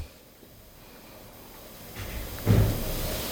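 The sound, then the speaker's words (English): A door closes with a single dull, muffled thud, preceded by a soft rising rustle, against a quiet background with no one speaking. “Somebody closed the door.”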